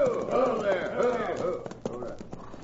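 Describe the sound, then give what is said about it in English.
The hooves of two riders' horses clop along a road in an uneven rhythm, the sharp knocks growing more distinct toward the end, while voices murmur over the first half. “Here come 2 riders.”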